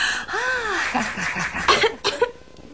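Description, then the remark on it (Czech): A young woman, the character Kitty, coughs: a few strained, voiced sounds followed by several sharp, harsh cough bursts, fairly loud and with no talking around them. “Vidíš, Kitty, teď už můžeš kašlat, co srdce ráčí.”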